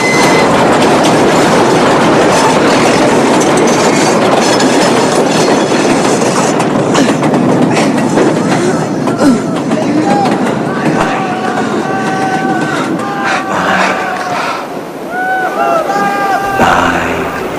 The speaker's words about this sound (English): to keep a grip on the bar as the train rattles and shakes the whole bridge.